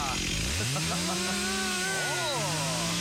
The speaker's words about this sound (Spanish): Le falta un poco de aceite a la cadena. ¡Qué bien que anda la motosierra, por Dios!